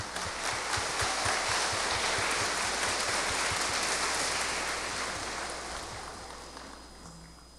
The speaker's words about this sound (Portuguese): Parabéns, a salva de palmas.